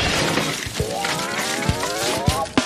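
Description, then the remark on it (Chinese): Several hard, cracking impacts as a person smashes a block of ice, striking at its middle, arriving unevenly over a few seconds against a loud, continuous background of crowd noise and raised voices. “哇，他砸出了冰雕的感觉。”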